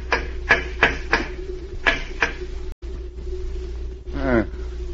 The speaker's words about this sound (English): A man who smokes a pipe constantly would knock it out in an ashtray. I think I'll empty your pipe now.